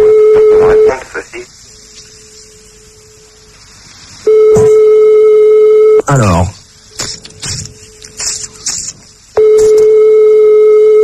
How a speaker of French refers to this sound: on reste encore 3 sonneries et on annule. 3-4, allez. Plus que 3 sonneries.